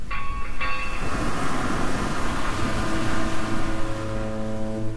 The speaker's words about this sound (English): Lovely to hear those foghorns, but none of those in sight for the next few days